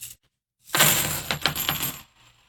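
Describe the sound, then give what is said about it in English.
A handful of clad coins drops onto a hard surface in a sound test, a bright metallic clatter of several quick overlapping clinks and jingles lasting over a second, fairly loud, then settling into silence. “Okay, here we go with the clad.”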